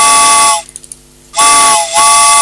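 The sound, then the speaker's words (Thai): A steam train whistle sounds in two long, loud blasts, a shrill tone riding on rushing steam hiss. A brief gap between them holds a few soft chuffs. “เอาล่ะรถไฟขบวนสุดท้ายนะคะรถไฟขบวนสุดท้ายมาแล้วค่ะ”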